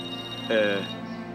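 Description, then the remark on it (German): A mobile phone rings with a single short electronic tone burst, moderately loud, over a steady humming background with no talking; the call is from the office. “Dein Handy.”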